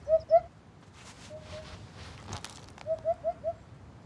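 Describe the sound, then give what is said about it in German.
A hoopoe's soft, low hooting call: two hollow notes, a pause, then a series of four evenly spaced "hoop" notes, clear against faint background noise. “Langer Schnabel, prächtiges Gefieder und ein irgendwie hupender Ruf.”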